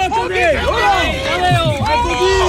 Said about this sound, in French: Et oui, il y a foule.